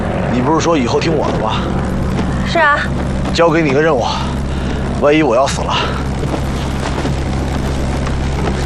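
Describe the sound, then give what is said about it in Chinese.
A heavy, steady engine drone rumbles loudly and without pause, like an aircraft passing low overhead, while several people shout urgently over the noise. “飞机继续搬东西，快点！”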